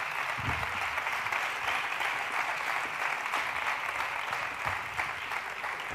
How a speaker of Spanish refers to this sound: Fuerte el aplauso para nuestros pintores, para nuestros cartelistas.